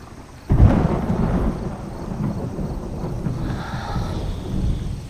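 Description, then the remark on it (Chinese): A sudden crack of thunder near the start rolls into a long, deep rumble that lingers low and heavy for several seconds as rain is about to fall, with no voices present. “没事，天要下雨。”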